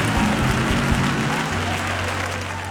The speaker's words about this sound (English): Come on, clap your hands and let's bless God.